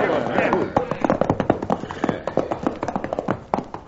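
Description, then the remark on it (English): Several horses' hooves clatter in a busy, uneven rhythm as riders rein up and halt their hard-run horses, the sharp clip-clop beats standing out over a steady rush of background noise. “Chad, we're running these horses to death.”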